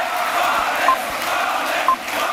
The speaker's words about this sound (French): Invité d'honneur du meeting, le nouveau meilleur ami de la galaxie Bolloré, Boualem Sansal, qui a été acclamé par la foule.